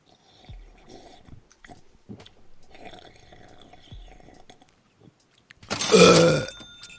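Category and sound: human body sound, burp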